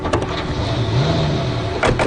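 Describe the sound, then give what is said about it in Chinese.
Doors of several sedans of various makes with civilian licence plates shut with two sharp thuds, one at the start and one near the end, over a steady low engine rumble. “随着一片开关车门的声音，这些挂着民用牌照的各种品牌轿车拉响了警报，陆续离开。”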